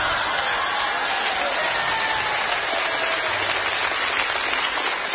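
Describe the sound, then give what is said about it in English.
A dense, steady wash of audience applause, many hands clapping at once in a continuous crackling roar that holds level for the whole stretch without a break or any voices rising above it. “See, I have drunk my fill of the clapping.”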